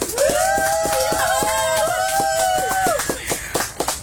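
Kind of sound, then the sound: crowd, audience applause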